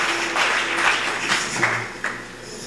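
A crowd claps in a steady, dense wash of applause that rises and falls over a few seconds, with occasional sharper individual claps standing out.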